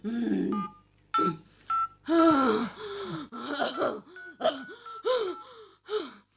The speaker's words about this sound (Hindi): बस बस एक मिनट, मैं डॉक्टर डॉक्टर शर्मा को फोन लगाता हूँ। सुमित्रा हिम्मत रखो, मैं फोन लगाता हूँ, फोन लगाता हूँ।